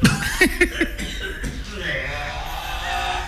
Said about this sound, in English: Oh, no, I have to cough. Sorry.